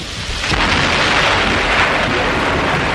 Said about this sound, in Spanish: Afuera se escuchó el sonido de un rayo y comenzó a llover.